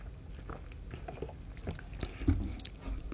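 Quiet mouth sounds of two people sipping two different drinks: soft slurps, smacks and swallows scattered over a few seconds, with no talking.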